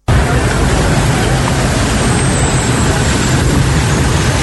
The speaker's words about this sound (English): Hours of downpour left motorists stranded in long queues of traffic on the school junction Nana Krum stretch. Flooding coupled with a broken down truck brought movement to a near standstill.